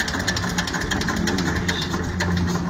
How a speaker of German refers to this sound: Also, das ist hier ein leibhaftiger Trecker, Stammrequisit auf dem Hermannshof.